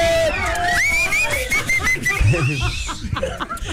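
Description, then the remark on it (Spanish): Several people whistle loudly, shrill wavering tones sliding up and down, over a steady burst of cheering, hollering and laughter from a small group that carries on for a few seconds. “Chiflidos, chicos!”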